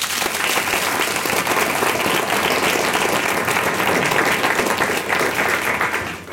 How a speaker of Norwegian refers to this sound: Applaus for panelet.